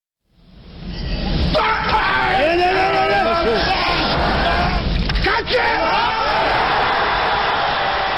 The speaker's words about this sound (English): This weightlifter just hoisted 470 pounds right over his head. That scream he's making, it's called an effort grunt. These grunts don't generate any extra strength or power.